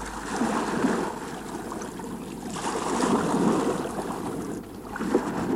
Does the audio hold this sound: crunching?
no